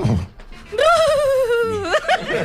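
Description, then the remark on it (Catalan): A person imitates a horse's neigh: one loud, quavering, high-pitched whinny held for about a second, then a wobbly drop, with low breathy vocal sounds before and after. “Necessitava un cavall renillant, fent una mica”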